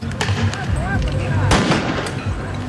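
Several sharp launcher bangs of tear gas canisters fired by police at G7 protesters in the streets of Geneva, Switzerland, ring out, one louder burst standing out, over a continuous roar of a crowd with shouting and whistles.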